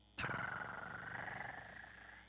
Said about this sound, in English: I hear my cat purr.